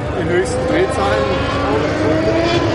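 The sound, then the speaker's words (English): Vintage Indy 500 race car engines roar and whine steadily on a racetrack for a few seconds, their pitch rising and falling as they pass, loud and continuous, with indistinct voices faintly underneath. “Vintage Indy 500 cars roared by on the racetrack.”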